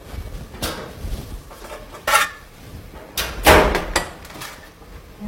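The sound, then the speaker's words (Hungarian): Kitchen clatter as a tray of baked potatoes comes out of an oven: a few sharp metallic clanks and scrapes spread over several seconds, with a brief bright hiss-like burst in the middle and no talking. “Addig is elkészült a sült burgonya. Ezt elővesszük a sütőből.”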